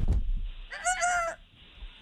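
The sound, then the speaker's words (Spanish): A rooster lets out one brief, loud crow lasting well under a second. A dull thump comes just before it over low background rumble, and no one speaks. “Dale, esos gallos.”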